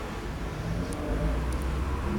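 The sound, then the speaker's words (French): A newspaper delivery scooter's small engine drones steadily on the Boulevard Saint-Germain, a buzzing motor hum over a continuous wash of street traffic, with a couple of brief high squeaks. “Un scooter de livreur de journaux.”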